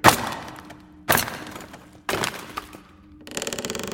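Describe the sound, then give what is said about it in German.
Hammer and chisel, taken from a toolbox, forcing open a very heavy crate packed with flak shells: three sharp, heavy blows about a second apart, each ringing out briefly, then a quick stuttering rattle of wood being pried loose. No one speaks. “Ja, hier ist ein Hammer und ein Meißel.”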